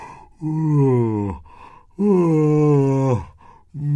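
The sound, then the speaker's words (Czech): A voice acts out a bumblebee's big yawn as it waddles out of a foxglove flower, two long, loud, groaning breaths each sliding downward in pitch, with a third just beginning at the end. “Z květu se vybatolil medák a zíval na celé kolo.”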